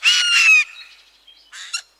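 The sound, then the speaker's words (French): A Eurasian jay gives two harsh, raucous screeches: a loud, rasping call lasting about half a second, then after a pause a shorter, grating second call, with no voices. “Le jet a un cri rauque et sonore. Il est considéré comme une sentinelle de la forêt.”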